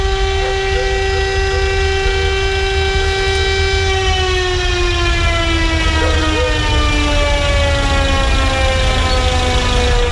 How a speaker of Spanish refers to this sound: Esto está ocurriendo en la avenida Ramón Picarte en Valdivia. Ya está en el exterior del servicio médico legal la carroza fúnebre. Escuchamos la sirena.